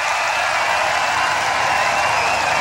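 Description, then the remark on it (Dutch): Sustained festival crowd applause at Rock Werchter as a band finishes its set and leaves the main stage, a dense, steady wash of clapping and cheering that stays loud and even throughout, with no voices speaking over it. “Groot applaus in het publiek.”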